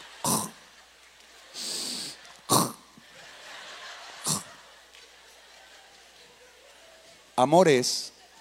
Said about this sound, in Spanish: Y está roncando, pero es un ronquido muy fino, muy selecto.